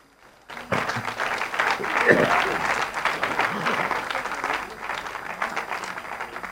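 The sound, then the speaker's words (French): An audience breaks into sustained applause for the Lord, after hearing of 67,000 charismatic prayer groups in Brazil: a dense, steady patter of many hands clapping at a fairly loud, even level for several seconds. “67 000 groupes de prière, mais ça vaut un applaudissement.”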